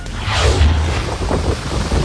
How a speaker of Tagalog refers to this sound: Hindi lang malakas na ulan, kulog at kidlat ang gumambala sa maraming lugar sa Metro Manila nitong Linggo ng gabi. Winasiwas din ito ng malalakas na hangin.